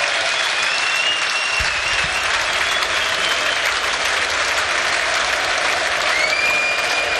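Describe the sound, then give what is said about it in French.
A large stadium crowd in Bruges cheers and applauds for player Hans Van Aken as he is substituted in the evening, a dense, loud roar of clapping and shouting that holds at full strength throughout, with a few higher whistles or shouts rising above it. “Bruges était en balade, c'était un peu ce soir … ici du côté de la Venise du Nord, où un nouveau changement va être opéré, et celui-là, écoutez les acclamations, je vous les laisse, elles sont pour Hans Van Aken, écoutez.”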